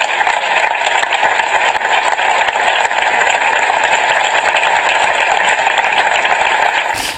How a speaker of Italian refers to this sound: Gli applausi nel ricordo.